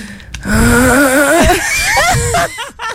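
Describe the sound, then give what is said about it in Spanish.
A voice loudly imitates snoring with a drawn-out, wavering, warbling rasp lasting a couple of seconds, followed by a few short, choppy vocal bursts. “¿Cómo es ese ronquido? Ese ronquido es este.”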